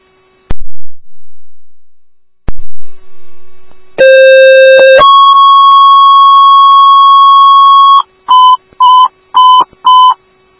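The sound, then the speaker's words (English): Two sharp clicks, then dispatch alert tones for ambulance 1AF in Cottage Grove, sent to a call in South Woodbury: a one-second lower tone jumps to a long, steady higher tone, followed by four quick beeps at the same pitch. Loud, clean electronic tones with no talking. “So 1AF ambulance on these zero tones for 9004 Jasmine Court South Woodbury.”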